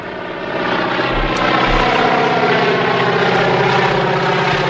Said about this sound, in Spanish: Como puedes escuchar, escuchamos un avión. Es un avión. De motores, avión antiguo. Sí, sí, sí, que va volando.